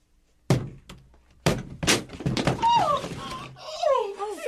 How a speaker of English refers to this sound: You're breaking down the door.